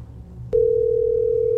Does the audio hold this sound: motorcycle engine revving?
no